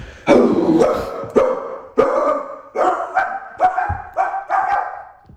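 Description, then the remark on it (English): A man imitates a dog barking, with about seven loud, throaty barks in a steady, slightly uneven rhythm. No other talking. “Well, is that a dog or is it a human?”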